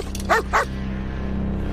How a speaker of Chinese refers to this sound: 咱要不翻墙走吧，这狗再这么叫下去，非得给人引过来。